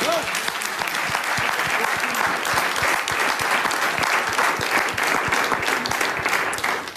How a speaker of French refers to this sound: La danse des politiques belges. Applaudissements.